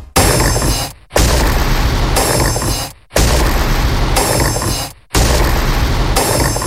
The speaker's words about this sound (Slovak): To boli tikajúce hodiny. Áno, takto počujú bežné zvuky deti s autizmom, ktoré sú hypersenzitívne.